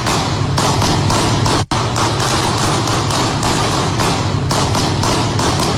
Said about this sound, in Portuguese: E no áudio também é possível ouvir alguns tiros, dezenas de tiros, na verdade.